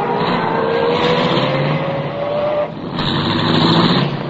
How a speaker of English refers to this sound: I started the car, and the moment I pulled away from the curb, I had company again.